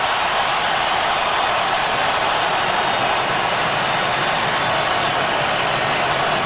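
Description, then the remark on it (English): A huge stadium crowd roars in a frenzy as Lionel Messi checks into a football game around the 60-minute mark, a dense, loud wall of cheering that holds steady without a break for the whole stretch. “Just hearing the crowd in an absolute frenzy for him taking the pitch.”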